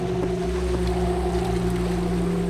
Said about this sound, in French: Enfin, alors que des étoiles commençaient à picorer le ciel, je vis au loin un bateau qui s'approchait. Tout d'abord, ce ne fut qu'une silhouette sur l'horizon.